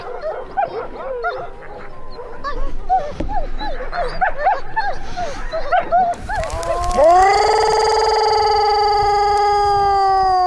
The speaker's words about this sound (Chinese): 狼王铠甲犀利的嘶吼，穿透青格里狼山的上空。